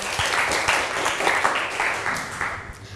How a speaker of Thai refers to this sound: เก่งมากปรบมือหน่อยค่ะ